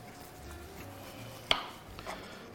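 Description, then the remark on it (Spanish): A knife cuts a thin slice from a peeled tomato with one crisp, sharp tap on the board, followed by a softer second contact, against a quiet, low background hum. “¡Qué rodaja más guay! Y bien finita, ¿eh?”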